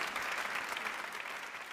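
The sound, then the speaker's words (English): Steady audience applause welcoming a person invited onto the stage, a dense wash of many hands clapping at an even, loud level with no pauses and no voices standing out. “Please applaud him warmly.”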